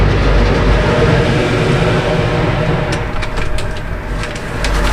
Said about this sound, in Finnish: Ajettiin lautalle ja nyt meitä on tässä kyydissä kaksi autoa. Näin lähdetään laiturista.